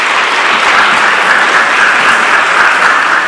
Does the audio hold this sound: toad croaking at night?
no